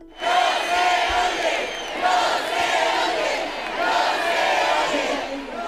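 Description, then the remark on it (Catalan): At the Festival Musical de les Arts in València, a large concert crowd whistles and shouts in protest at the low volume of the performances, a dense, sustained wall of shrill whistles and voices that swells in waves without letting up. “I canviant de tema, escolten ara els xiulis del públic pel baix volum de les actuacions del Festival Musical de les Arts a València.”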